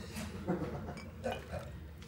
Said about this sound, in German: Wolltest du Eiswürfel reinhaben? Ja, warte, ich muss das Augenmaß.